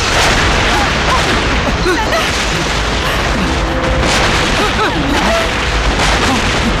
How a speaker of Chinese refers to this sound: 共军的总攻开始了。 总攻，这是总攻的炮声。